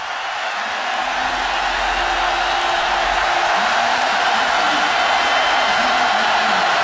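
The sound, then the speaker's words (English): An American football stadium crowd roars loudly and steadily for several seconds after a 5-yard false start penalty on the Indianapolis Colts offense, a dense wash of cheering and shouting with faint whoops rising through it and no clear speech. “5 more yards, and the crowd will just get in more of a frenzy.”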